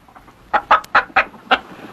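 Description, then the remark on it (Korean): A hen called Mrs. White clucks in a quick series of five sharp calls after laying an egg in her nest in a barn, evenly spaced in a brisk rhythm, with no voices around. “그 둥지에서 화이트 부인은 달걀을 낳고 꼬꼬댁 하며 소리를 내었습니다.”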